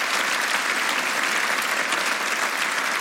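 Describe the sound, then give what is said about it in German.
A crowd claps steadily, with dense, continuous applause holding at an even level from start to finish, the many overlapping hand claps blending into a full wash of sound. “Ein riesengroßes Personal, die übrigens an dieser Stelle, finde ich, auch meinen Applaus verdienen.”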